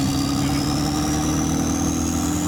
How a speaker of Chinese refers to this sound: 准备起飞， 战机人工起飞。